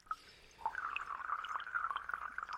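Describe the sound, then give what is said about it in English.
Trickling, pouring water from a sound sculpture, with bright bubbling and dripping tones, a steady flow dotted with small plinks and splashes, no voices. “we'll dwell a little longer in the sounds from Lena Choi's Waterscape sound sculpture”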